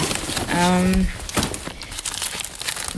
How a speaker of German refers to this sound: Ja, ich habe hier meine Papiere, ich muss hier mal ein bisschen kramen.